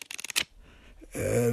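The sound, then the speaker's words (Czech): A quick run of crisp papery flicks, like paper banknotes totalling 1500 pounds being counted out, about half a dozen in rapid succession, followed by a short pause before someone starts talking. “Tady v papírových bankovkách.”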